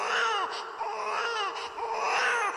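Loud, close crying with high wavering wails, rising and falling in about three drawn-out sobbing bursts separated by brief catches of breath, with no talking.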